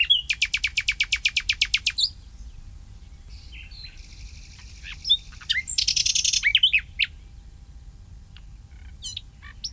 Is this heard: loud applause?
no